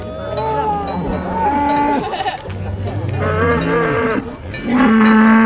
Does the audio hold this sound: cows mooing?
yes